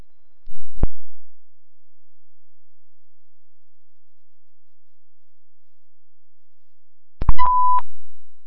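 A sharp electronic click, then a long silence before a brief burst of static and a steady mid-pitched alert tone lasting under a second, a dispatch radio paging signal sent out for a fire alarm call. No one speaks.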